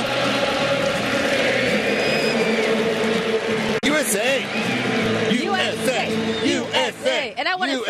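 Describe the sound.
A large stadium crowd at the World Cup sings together loudly after the United States beat Australia, a dense wash of overlapping voices, then breaks into rhythmic, repeated chanting with sharp rising and falling shouts in the second half.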